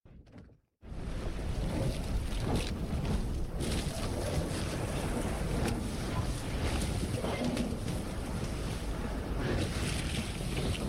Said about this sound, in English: From the bow of this 400-foot steel icebreaker, the Bering Sea is breaking up on all sides. We're plowing through slabs of ice, which splinter and fold in every geometric pattern imaginable.